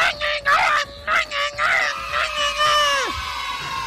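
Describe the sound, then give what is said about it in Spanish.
A loud, traditional Mexican grito: choppy, yodel-like yelps that stretch into a long, high sustained cry, then drop sharply in pitch at the end, with other voices shouting along. “¡Que salga el grito de México!”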